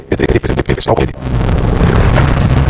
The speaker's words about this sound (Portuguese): Ouviu essa moto? Deve ser um entregador.